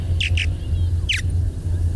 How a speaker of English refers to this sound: If you see or hear these purple martins, you can fill out a form to let the State Department of Fish and Wildlife know. That will help when they count the birds next year.